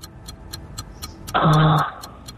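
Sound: quiz countdown clock ticking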